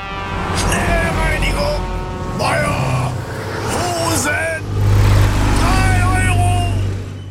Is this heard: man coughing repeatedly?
no